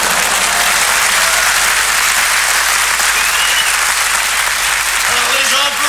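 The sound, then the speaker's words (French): Steady, loud audience applause fills the whole stretch as a dense wash of clapping, with a voice beginning to speak over it near the end. “Ils applaudissaient, les gens. Ils applaudissaient.”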